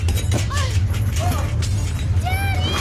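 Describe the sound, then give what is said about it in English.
A deep, steady earthquake rumble shakes underneath bursts of crashing debris and shattering glass, with voices crying out in short, rising calls over the chaos. “It's an earthquake.”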